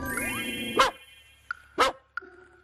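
A few loud, booming barks from large dogs ring out, two big broad barks with sharper short yips between them, against a low background hum.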